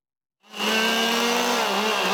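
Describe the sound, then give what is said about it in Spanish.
After a moment of silence, chainsaws roar up abruptly and hold a loud, steady buzzing drone until the end, with no voices heard; forest firefighters hold the chainsaws at a street protest blocking the streets of Barbastro, Aragón, Spain. “Combatefuegos y motosierras en mano han denunciado la falta de medios y de descansos en jornadas que muchas veces superan las 12 horas.”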